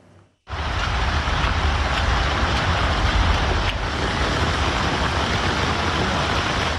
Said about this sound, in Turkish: Trabzon'da da şiddetli yağış etkili oldu.